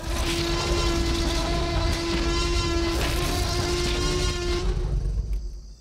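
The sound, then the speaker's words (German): The T-Rex roar from Jurassic Park, a mix of an alligator's grunt, a baby elephant's trumpeting and a tiger's roar: one long, loud bellow with a steady trumpeting tone over a harsh, rumbling growl, holding for about five seconds before it quickly trails off. “In Jurassic Park jedenfalls ist sein Gebrüll eine Mischung aus dem Grunzen eines Alligators, dem Trompeten eines Babyelefanten und dem Brüllen eines Tigers.”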